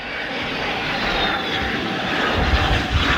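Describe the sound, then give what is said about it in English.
Alpha Jet military jets of La Patrouille de France landing at RAF Lossiemouth, the UK's most northerly airbase: a steady, broad engine roar with a faint whine that holds throughout and swells slightly toward the end, with no voices over it. “Landing at the UK's most northerly airbase, the Alpha Jets of La Patrouille de France, on their way to a major celebration in the States.”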